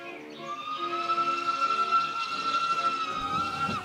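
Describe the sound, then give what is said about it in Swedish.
A steam train's whistle sounds loud in one long sustained blast over a hissing, rumbling background of the moving train, a train travelling to Bökeberg. No one speaks. “Till Bökeberg åkte man tåg.”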